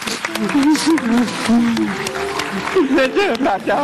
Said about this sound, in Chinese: 好，我们掌声送给你们，回家。